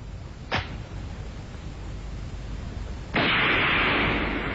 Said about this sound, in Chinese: 两个日本鬼子应声倒下，狗汉奸汤炳慧在洞口听见枪声